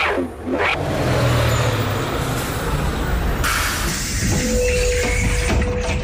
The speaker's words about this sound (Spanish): Ese es el autobús que me lleva al cole. Me tengo que ir.